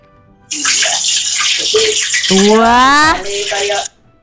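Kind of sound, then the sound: food or drink, fish frying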